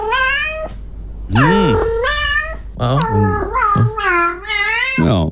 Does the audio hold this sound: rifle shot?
no